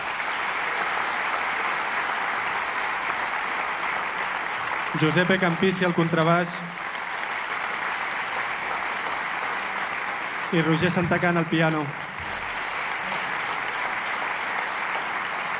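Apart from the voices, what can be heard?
audience applause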